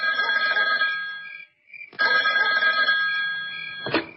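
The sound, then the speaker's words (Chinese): A telephone bell rings loudly in two long, bright trilling bursts separated by a brief pause, with no voices present; an incoming call from the army group's deputy chief of staff. “当他正在思考如何处理周浩的时候，兵团副参谋长李成一突然打来了电话。”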